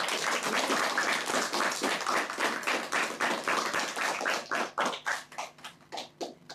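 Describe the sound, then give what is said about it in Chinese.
A class of students claps steadily to welcome a classmate presenting Zhuhai culture, dense and even at first, then thinning into scattered, separate claps as the applause tapers off near the end. “好，我们首先掌声欢迎珠海文化推荐官。”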